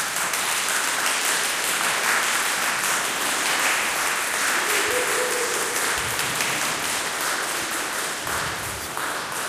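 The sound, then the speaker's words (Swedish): Steady, sustained applause from an audience fills the whole clip, a dense wash of many hands clapping at an even, loud level with no voices breaking through. “Får de en applåd, eller?”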